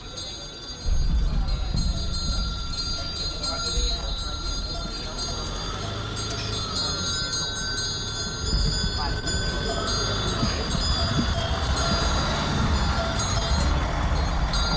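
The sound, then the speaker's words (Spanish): Livestock cowbells clank and jangle continuously over a steady low rumble of passing cars at the 30th Alubia Pinta Alavesa fair in Pobes, in the Añana district, recorded on a Sunday, with a busy outdoor murmur throughout and occasional louder knocks. “Sonidos de cencerro tras cencerros de ganado. Trajín de coches en la cuadrilla de Añana, en concreto en la feria de Alubia Pinta Alavesa, en su 30ª edición.”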